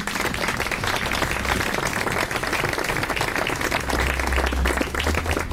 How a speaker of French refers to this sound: Et c'est un ensemble professionnel de musique de chambre que j'ai l'honneur de co-dirigé avec 2 musiciens qui vont apparaître très vite sur la scène et que vous pouvez applaudir.